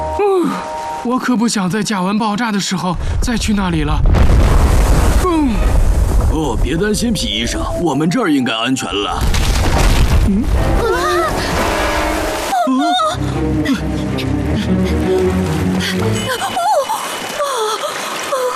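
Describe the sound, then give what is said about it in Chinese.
Two deep, booming blasts of methane gas exploding by large craters in thawing permafrost, each a loud, broad rumbling roar lasting a second or two, set among animated voices and a lively music score. “我可不想在甲烷爆炸的时候再去那里了。”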